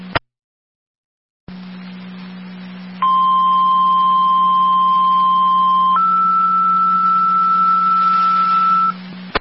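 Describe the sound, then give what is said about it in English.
Fire dispatch paging tones over a radio channel hum, the second set of tones calling for an EMT for an EMS call at Lower Lake and Burgess Road: a steady tone holds for about three seconds, then jumps to a second, higher tone for another three seconds, loud and clear. “Narcotic Fire Control 2, Barker, your second set of tones, EMT needed for the EMS call at Lower Lake and Burgess Road.”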